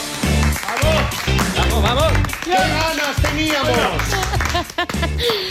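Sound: studio audience applause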